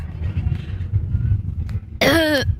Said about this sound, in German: Das waren 98,9. Das war doch kein Rülps, das war doch ein. War das ein Gähner? Aufregen über den Rülpsbeitrag. Das war ein Rülpser.